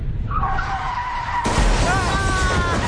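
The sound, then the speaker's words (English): A sustained high tire screech from a skidding motorcycle, then an abrupt, loud crash as it runs into a car about halfway through, followed by continued noisy clatter and rumble. “I think a motorcycle just ran right into us.”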